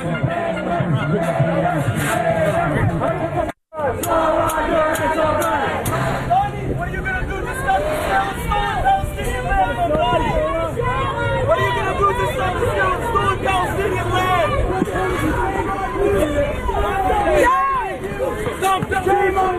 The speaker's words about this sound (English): And then he shows up at what's supposed to be sort of a unity rally in New York. And here is what these pro-Hamas protesters did to him. They started booing and shouting at him.